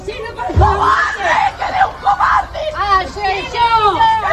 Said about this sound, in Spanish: ¡Asesino! Gritos de asesinos, cobardes, vecinos que han querido acompañar a la familia, que han estado presentes durante todas estas horas y con los que también hemos podido hablar.